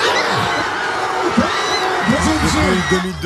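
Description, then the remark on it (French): A crowd of Paris Saint-Germain football supporters in packed bars cheers and shouts joyfully after goals and at the end of a Champions League match, with overlapping voices rising into whoops and yells, loud and sustained throughout. “Les bars étaient remplis, à travers les fenêtres ouvertes, on pouvait entendre les cris de joie après chaque but, avec, à l'issue de la rencontre, la délivrance des supporters.”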